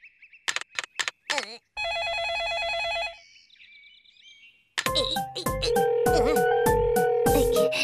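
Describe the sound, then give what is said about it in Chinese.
An electronic telephone rings with a steady, buzzy tone, set among quick chirpy blips and a busy burst of bright cartoonish sound effects and music, loud. “首领说了，接电话，听指挥。”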